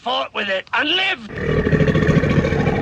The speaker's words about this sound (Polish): To jednak nie gadzi odgłos, a chrapanie sąsiada, który wrócił z nocnej zmiany.